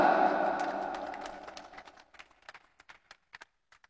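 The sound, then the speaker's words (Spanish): A crowd applauds as the vice president hands the badge to the new vice president, a dense burst of clapping that gradually thins out until only a few scattered, separate claps remain at the end. “¡Fuertes los aplausos, hermanos y hermanas!”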